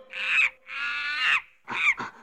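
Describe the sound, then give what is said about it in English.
Monkeys give loud, shrill screeching calls in the left speaker during a speaker check: two long wavering cries, then a quick burst of shorter squeals. No one speaks. “I'm over here in the left speaker with these monkeys.”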